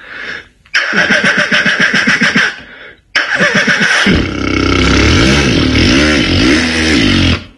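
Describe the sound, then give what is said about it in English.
A voice imitates a motorbike starting: a rapid sputtering crank, a brief pause, then the engine catching and revving up and down loudly, alone. “Starting a motorbike.”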